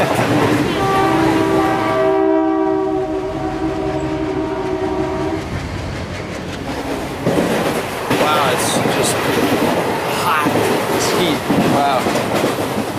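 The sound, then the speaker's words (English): An Indian passenger train sounds a long, loud horn blast, then rumbles steadily along the rails with rhythmic clattering and rattling carriages, continuous throughout. “On long-distance journeys, Indian trains have air-conditioned carriages and sleeper compartments, which on hot days are worth booking in advance.”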